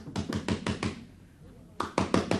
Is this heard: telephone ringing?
no